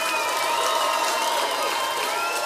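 A large crowd applauds steadily, dense clapping blended with cheers and scattered whistles, loud and continuous throughout like an audience at a concert.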